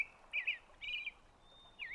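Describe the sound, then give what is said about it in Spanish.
A thrush sings in short, clear whistled phrases, three bright bursts separated by brief pauses, with a thin sustained tone between them. The song is fairly soft, and no one speaks. “La canción del tordo era como primavera, su significado.”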